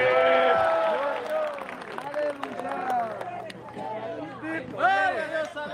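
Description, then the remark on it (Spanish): An audience applauds loudly and steadily in praise of God, the clapping blended with many voices shouting and cheering throughout, with a fresh swell of cheers near the end. “¡Fuerte ese aplauso! ¡A su nombre!”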